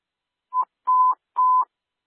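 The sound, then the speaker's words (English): Dispatch radio alert test tones for Battalion 4: a short steady beep followed by two longer beeps, all at the same mid pitch, clean and fairly loud with silence between them and no talking. “Testing tones for Battalion 4.”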